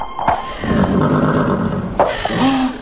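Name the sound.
horse neighing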